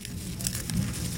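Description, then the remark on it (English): A monarch butterfly's legs make a soft rustling and scratching as a biologist holds it gently by the abdomen to weigh it in a lab in White River Junction, Vermont, a brief steady patter of tiny crinkly sounds with no voices. “That's the sound of a monarch butterfly rustling its legs.”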